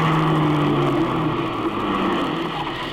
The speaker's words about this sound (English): Well, you'd better hurry up into your car and get set for the big race. Here comes your car now, the big red one.